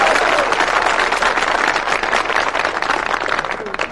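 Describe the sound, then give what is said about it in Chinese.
A large audience applauds steadily throughout, a dense, continuous wash of many hands clapping at once, fairly loud and even in level, with a faint murmur of voices mixed in. “观众不给你鼓掌吧，手已经伸出来了；给你鼓掌吧，心里不情愿。”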